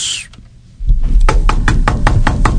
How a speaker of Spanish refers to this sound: Ay, ¿quién está tocando la puerta tan...? ¡Voy! Que digan, no voy. Me da miedo. ¿Quién es?